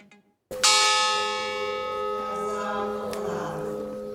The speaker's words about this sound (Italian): I loro nomi vengono letti uno alla volta, scanditi dal rintocco della campana del Bois du Cazier, la miniera di carbone di Marcinelle.